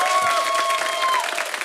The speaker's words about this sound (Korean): 박수로 모시죠.